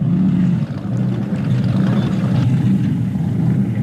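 The big V8 engine of the speedboat Bluebird, a 454 Chevy, rumbles steadily: a deep, loud, low-pitched drone with a throaty burble and a faint hiss of water above it, holding a constant pace throughout.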